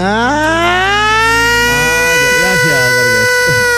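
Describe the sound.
A loud voice lets out a long sustained wail that slowly rises and wavers in pitch, imitating a siren, held for nearly four seconds.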